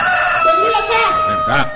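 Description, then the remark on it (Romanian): A rooster crows loudly while flapping about, one long strained call that fills the whole moment, with a slight wavering break near its end. “Cocoșul ia de glas și se zbate.”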